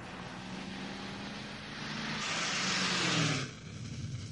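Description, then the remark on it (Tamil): A car engine roars over steady road noise, swelling louder as it accelerates and then dropping off sharply as the vehicle pulls away. “அது என் கார், என் கார்.”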